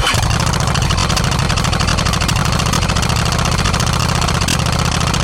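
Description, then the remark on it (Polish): A motorcycle engine rumbles loud and steady, with a rapid throbbing pulse as it idles throughout; no voices are heard. “Dzisiaj skupimy się na motocyklistach ze Słupcy i okolic, a dokładniej na Stowarzyszeniu Wielkopolscy Fani Motocykli ze Słupcy.”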